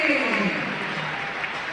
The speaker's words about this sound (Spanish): Ahora viene el aplausómetro. Veremos, escuchamos. Qué final fue Tagliafico, mirá cómo le aplaude.